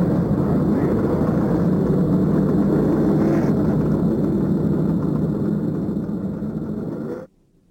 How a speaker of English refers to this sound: Gentlemen, start your engines. There's the command of Mary Hallman George. And the engines roar to life.